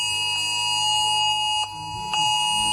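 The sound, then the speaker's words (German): A loud, piercing electronic alarm tone from a phone, a steady shrill pitch with layered harmonics, pulsing briefly twice as it sounds continuously with no talking. It is the Cell Broadcast emergency warning sent to mobile phones in Germany during a nationwide or state warning day test. “Ja, das hören wir immer am bundes- oder landesweiten Warntag, wo ja nicht nur getestet wird, ob alle Sirenen funktionieren, sondern eben auch Cell Broadcast.”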